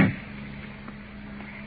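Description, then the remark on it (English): A car door, locked while a man sleeps inside the car, opens with a single sharp latch click and thunk, then a steady low hum carries on alone. No one speaks. “Let's open the door.”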